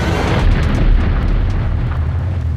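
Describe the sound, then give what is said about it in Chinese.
Far-off battle noise from a fight that is nearly over: a continuous deep rumble of explosions with faint, scattered gunfire cracks layered on top, steady and dense throughout, with no voices. “爹，这枪声听着越来越小，姑母的仗快打完了，咱们要是再不去，这功劳啥都没有了。”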